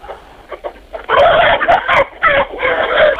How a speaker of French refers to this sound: Eh bien, actuellement, je suis dans mon poulailler au milieu des poules.